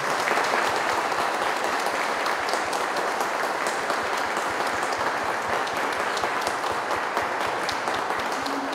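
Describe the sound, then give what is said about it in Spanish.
An audience at the close of a Mass claps together for Christ the King (Cristo Rey) in sustained, dense applause, a steady wash of many hands at even loudness throughout, with no voices standing out. “Le damos todos un fuerte aplauso a Cristo Rey.”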